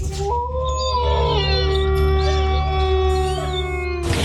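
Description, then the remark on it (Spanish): A single long wolf howl in a jingle for the radio station Lobo 97.7 FM, rising in pitch and then holding a steady, drawn-out tone for several seconds before fading, loud with a faint sustained backing underneath. “Lobo 97.7, poniéndole sabor a tu día desde el primer aullido.”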